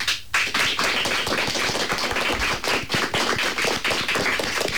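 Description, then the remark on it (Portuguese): A group of fifth-year pupils from CEIP Sequelo de Marín applaud together in a Radio Pontevedra studio, a dense, steady patter of many quick claps lasting several seconds with no speech over it. “Rapaces, dadevos a coñecer cun aplauso para saudar tamén as persoas que nos están escoitar neste intre.”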